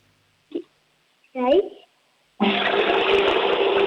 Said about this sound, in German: Die Oma hat eine laute Klospülung.